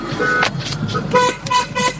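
A car horn honks several times in quick succession, short bright blasts with a steady rhythm, over some background noise.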